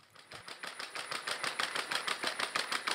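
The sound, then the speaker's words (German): Rapid, steady mechanical tapping, like a sewing machine, as Scotty, a robot dog tested at the nursing home am Lutzepark in Köthen, Saxony-Anhalt, patters along on a walk through the garden grounds in a quick, even rhythm with a faint whirring hum underneath. No one speaks. “Was klingt wie eine Nähmaschine, ist das Tippeln von Scotty.”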